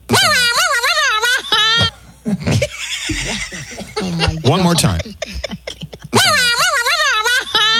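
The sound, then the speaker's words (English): A person's voice loudly imitates an air horn in two long, wavering blasts, one at the start and one at the end, with brief talk and chuckling in between. “doing the air horn”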